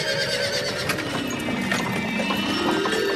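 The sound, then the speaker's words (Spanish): Hooves clip-clop steadily as two horses pull a carriage, fairly loud over a continuous rumble of wheels, with a brief whinny rising partway through. No one speaks. “El dios Mercurio, cansadísimo, reposa en una nube hasta que ve venir a la noche en un carro llevado por dos caballos.”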